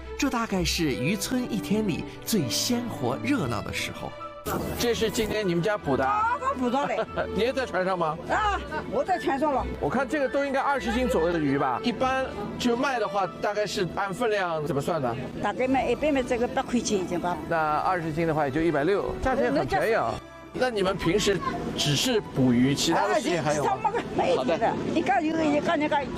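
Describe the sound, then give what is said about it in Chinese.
Lively crowd chatter at a busy fishing village's aquatic products market on the lakeshore, as the first fishing boats return and fresh fish are sold, weighed and paid for: many overlapping voices calling and talking at once, loud, a steady bustling din that carries on without pause. “这大概是渔村一天里最鲜活热闹的时候。”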